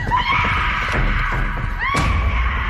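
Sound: children screaming in terror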